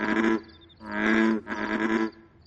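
Frogs croaking back and forth: three deep, rough croaks follow one another closely, each lasting about half a second. They sound loud, with no talking.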